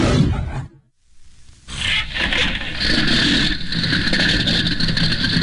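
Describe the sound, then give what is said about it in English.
The small single engine of a gray-white monoplane at Roosevelt Field, New York, splutters, falls silent for a moment, then catches and settles into a loud, steady, rumbling drone as its 9-foot propeller begins turning, at 7:51 on a May 20th morning. No voices are heard. “At 9 minutes before 8 on the morning of May 20th at Roosevelt Field, New York, the small single engine on a gray-white monoplane coughed once, turned over, and its 9-foot propeller began its revolutions,”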